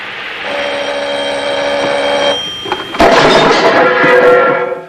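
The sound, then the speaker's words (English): A telephone rings with a steady, bright, sustained tone as Inspector Clouseau goes to answer it, then a sudden louder burst of clattering noise takes over near the end. No one speaks. “He takes a towel and dabs his face, makes an exasperated gesture, and goes to answer the phone.”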